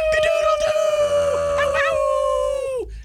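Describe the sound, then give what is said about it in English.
A person attempting a rooster's cock-a-doodle-doo instead howls like a wolf in one long, loud wail that holds a steady pitch for nearly three seconds before sliding downward and breaking off. “Why was I howling? Why did my cock-a-doodle-doo turn into a howl?”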